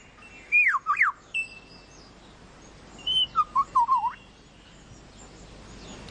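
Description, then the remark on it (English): A bird mimics a camera shutter with two quick bursts of sharp, warbling whistled notes, separated by a pause, clear against a quiet outdoor background. “He's making a camera noise. That's a bird.”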